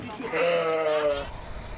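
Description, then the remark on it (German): A sheep in a herd lets out one drawn-out, wavering bleat lasting about a second, fairly loud, over a low outdoor background hiss. “Wenn die Schafe hier vom Weg abkommen, dann wird's gefährlich.”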